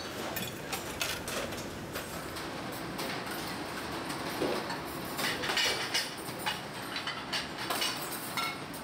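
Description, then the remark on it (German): A busy commercial dish room where more than 3,000 dishes are washed each day: a steady mechanical rush of washing machinery with frequent sharp clinks and clatters of dishes throughout, continuous, with no one speaking. “Bedeutet für die Spülküche jede Menge Arbeit. Mehr als 3000 Geschirrteile gehen hier jeden Tag durch.”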